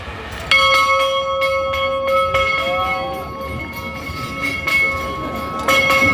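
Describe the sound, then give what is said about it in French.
A bell rings out at 9 a.m. at a youth gathering in France held before a mass with the pope, with a few struck peals, each leaving long, sustained humming tones that overlap, set against a steady low rumble of background noise. No one speaks. “Je vous invite maintenant à faire silence pour essayer d'entendre retentir cette cloche.”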